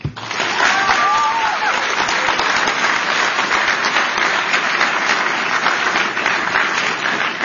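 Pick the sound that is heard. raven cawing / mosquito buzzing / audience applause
audience applause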